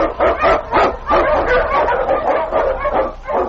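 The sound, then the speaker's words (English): Husky sled dogs led by the Eskimo lead dog King bark and yip excitedly in a loud, continuous chorus of rapid, overlapping, high-pitched barks, blazing a trail through storm and snow in the radio show Challenge of the Yukon, with no voices heard. “The Wonder Dog King, swiftest and strongest Eskimo lead dogs, blazes a trail through storm and snow for Sergeant Preston as he meets the Challenge of the Yukon.”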